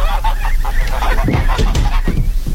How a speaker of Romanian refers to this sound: Mi-a dat cineva gâștele astea să vi le aduc. Cine anume? Eu n-aveam de gând să cumpăr gâște.